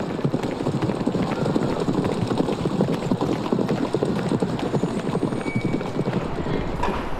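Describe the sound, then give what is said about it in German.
Horse hooves clip-clop steadily in a huge riding hall in a quick, even rhythm. The dense patter of hoofbeats stays at the same loudness throughout, with no voices. “Ich steig ein und stehe in einer riesigen Reithalle.”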